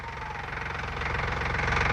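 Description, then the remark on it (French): A car engine, with the choke pulled, starts up and runs with a rapid, rhythmic knocking chug that grows louder and steadier partway through. No one speaks. “Ah, faut que je mette le starter.”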